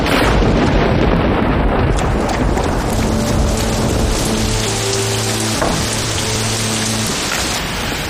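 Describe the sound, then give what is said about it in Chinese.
Heavy rain pours down steadily, a loud, dense hiss that never lets up. Partway through, a low, steady droning hum rises beneath it for a few seconds, then fades. No one speaks. “妈妈，在这躲雨安全吗？”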